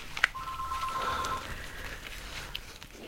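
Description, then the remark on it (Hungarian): A brief click followed by a steady electronic telephone tone lasting about a second, then faint line noise and a couple of soft clicks as a call connects, with no talking. “Ezt a telefont még felvesszük.”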